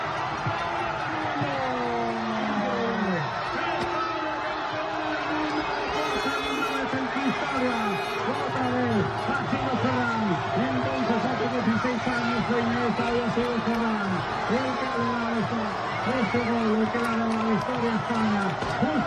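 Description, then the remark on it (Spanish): A large crowd in the Plaza Mayor of Monzón, Spain, celebrates at the final whistle of Spain's 1-0 World Cup win over Argentina, with a dense, steady roar of cheering, shouting voices and whoops, and many overlapping pitched yells rising and falling throughout. “Así como oyen, es como sonaba la Plaza Mayor de Monzón con el pitido final que colocaba sobre la roja la segunda estrella.”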